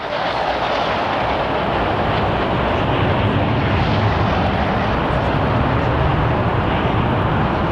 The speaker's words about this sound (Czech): Další skupina bude vedena podplukovníkem Prelcem a bude to 12 letounů MiG-21. Ano, už jsou tady.